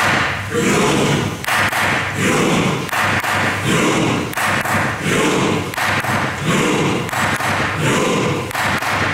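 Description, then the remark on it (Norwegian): At Norway's parliament, the Storting, its president strikes a gavel again and again in a slow, steady rowing rhythm, about one loud thud per second, while a large crowd roars and shouts along with each beat in a rowing cheer for Norway's national football team. “Og jeg har klubba. Første slaget kommer.”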